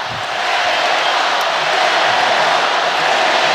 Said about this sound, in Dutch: Publiek moedigt, als ik dat goed begrijp, de Senegalezen aan.